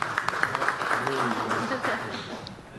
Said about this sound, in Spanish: Muchísimas gracias. Fuerte los aplausos, por favor.